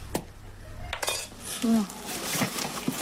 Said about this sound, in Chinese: 原本松散的盐已经凝结成了块状，只能用工具一点一点地敲打。